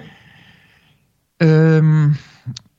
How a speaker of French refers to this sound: Et ensuite, ça, quand on expire, on imagine que toute cette lumière, elle passe par le cou et elle rentre dans le cœur. On la fixe dans le cœur avec ça. D'accord ? Donc la respiration Khamsa.